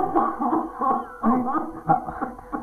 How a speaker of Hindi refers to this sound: आपको तो बहुत तेज खांसी हो रही है, आप रुकिए मैं आपको पानी देता हूँ।